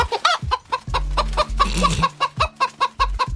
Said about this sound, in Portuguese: Só aqui no Redação Paradiso, a galinha mais simpática, mais extrovertida. Ela dá um banho em qualquer papagaio.